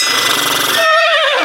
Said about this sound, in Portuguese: Fala, cavalo!